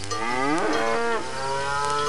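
A single long, loud moo from a cow, a low bellow that bends upward in pitch and then settles, lasting about two seconds with no voices around it.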